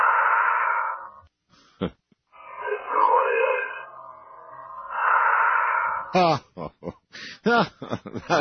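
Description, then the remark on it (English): Several long, breathy exhalations heard as part of an EVP recording, hissy and muffled, each lasting a second or more with short pauses between, followed by people talking. “And right after he says that, a man says, sit and wait there, and this is the EVP, and then you hear a long exhalation that is also part of the EVP.”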